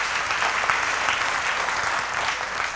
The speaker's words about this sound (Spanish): La primera lectura es para decir que, bueno, tal vez un aplauso para la niña que ha leído muy bien.